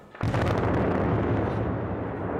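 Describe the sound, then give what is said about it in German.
A single heavy demolition blast, the third at the power station in Förde, bringing down the old boiler house of Block B and two auxiliary buildings, booms in suddenly after a brief quiet moment, then a deep, loud rumble of collapsing debris rolls on steadily without fading much. “Heute folgte dann die dritte Sprengung und es wird nicht die letzte gewesen sein.”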